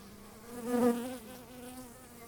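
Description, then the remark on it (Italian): A steady, low drone of many honeybees buzzing around a hive frame, briefly swelling louder as one passes near, then settling back into a continuous hum with no voices. “Adesso volevo farvi vedere il fuco è questo qua.”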